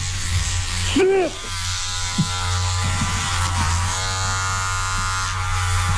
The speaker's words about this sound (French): Fait qu'il va falloir tu le rases, là. OK, Clipper à zéro.